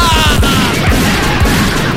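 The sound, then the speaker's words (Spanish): A rapid volley of shots from a small pistol, loud, cracking in quick succession over a dense, booming background with no pause between bursts. “No digo yo, ¿por qué no me hacía un favor, viejo, al pistolón chico? Pégale unos balazos por tonta ese también, ¿ya?”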